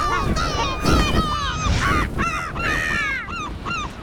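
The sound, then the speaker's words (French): A gull cries out loudly as it launches into flight above a small sandy beach where people are picnicking, a rapid series of harsh, rising-and-falling calls repeating for several seconds over a steady background wash. “Le goéland s'élance en criant.”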